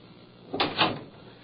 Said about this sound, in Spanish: Cierra la puerta. Sí.